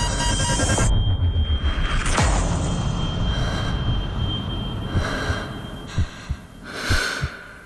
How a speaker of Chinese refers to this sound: 没得没得没得，呼叫地面，飞机失速了。